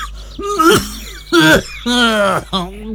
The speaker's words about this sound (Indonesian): Aduh Pak, sudah 2 minggu lebih batuknya kok tidak sembuh-sembuh toh Pak. Takutnya menular ke anak-anak kita Pak.